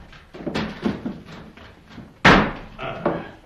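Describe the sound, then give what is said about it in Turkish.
A door is opened after someone calls for it to be opened, with a few soft knocks and rattles, then a sharp, loud clunk of the latch or door hitting, followed by quieter thuds. “Murat, öldünüz mü yahu? Açın kapıyı. Geldim, geldim.”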